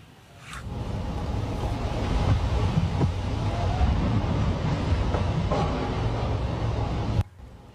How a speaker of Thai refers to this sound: มีการโพสต์คลิปขณะที่ฝนตกหนักแล้วก็มีเสียงฟ้าร้องฟ้าผ่าเป็นระยะจุดนี้อยู่ที่ซอยพหลโยธิน48เขตบางเขนค่ะมีทั้งฝนตกพายุลูกเห็บที่เรียกว่ามาแบบครบทีเดียวค่ะ